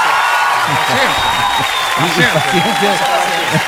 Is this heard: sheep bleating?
no